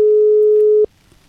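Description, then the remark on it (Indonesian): A phone ringback tone while calling a legal professional, not yet connected: a single steady electronic beep, clear and fairly loud, holding for almost a second before cutting off into quiet line hiss. “Masih berdering.”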